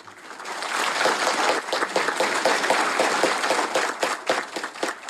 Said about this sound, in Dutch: Applaus van de kardinalen die zich dus hadden verzameld gedurende 2 dagen rond Paus Leo de XIV en ook rond die verschillende thema's.